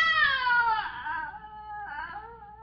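A high, animal-like shriek wails and slides downward in pitch, then a second, shorter wavering cry follows after a brief dip. It is fairly loud and stands alone, with no talking.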